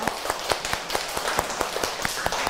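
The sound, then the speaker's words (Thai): A group of students in a class claps for their classmates in a brisk, uneven patter of many overlapping hand claps, steady and moderately loud for a couple of seconds, with no voices over it. “เก่งมากๆเลยค่ะขอเสียงปรบมือให้กับเพื่อนๆด้วยค่ะ”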